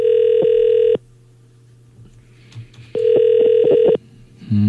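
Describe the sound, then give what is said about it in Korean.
A telephone ringback tone of a radio show's outgoing call to a listener who answered a quiz correctly plays two long steady bursts, each about a second, separated by a quiet gap, with a faint low hum throughout and a short tonal blip at the end. The call goes unanswered. “자 신호 가고 있습니다.”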